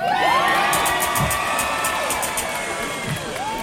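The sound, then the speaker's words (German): A festival crowd at the Buzz Festival 2026 cheers and applauds steadily, with high shouts and whoops rising over a dense wash of clapping that holds loud throughout. “Macht einen Applaus für meine Mama.”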